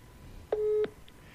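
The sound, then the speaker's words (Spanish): A phone's ringing tone on an outgoing call from a live radio show to minister Diego Gutiérrez of the Ministry of Human Development: a single short, steady electronic beep that sounds clearly and alone, surrounded by quiet background hiss. “Entonces yo me voy a tomar el atrevimiento de llamarlo al ministro desde mi teléfono y le voy a decir esto.”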